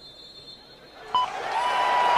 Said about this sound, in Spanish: Y el aplauso emotivo.